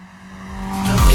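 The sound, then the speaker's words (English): A car, a Tirana, revs hard and accelerates past the studio with no audio effects added, its steady drone swelling louder over about a second, ending in a loud roaring rush with a hint of tire noise. “and Stan literally just guns the Tirana past the studio.”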